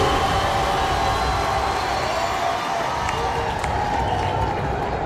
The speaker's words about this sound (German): Ja, Applaus.